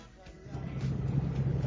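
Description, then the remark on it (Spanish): A truck's engine rumbles steadily as it drives along Route 5 through the city of Julio toward Perito, a deep continuous drone that swells slightly louder partway through and holds for the rest. “Bendecido día, carro rotando bien, pasando por la ciudad de Julio, por la ruta 5, yendo a Perito,”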